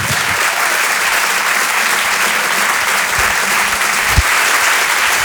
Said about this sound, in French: Je vous demande de l'applaudir très chaleureusement elle aussi.